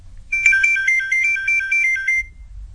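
A telephone rings with a bright, warbling electronic tone, repeating in quick pulses for about two seconds before stopping, with a low hum underneath and no voices.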